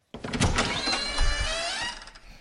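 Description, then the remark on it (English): A door is opened with a steady, drawn-out creaking grind that lasts about two seconds, fairly loud and with no voices. “I'll just try and open the door.”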